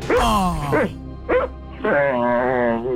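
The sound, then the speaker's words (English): A dog named Fergus whimpers and lets out short yelping barks in three close, loud bursts, its whiny voice rising and falling with brief pauses between. “Actual sounds of Fergus this morning.”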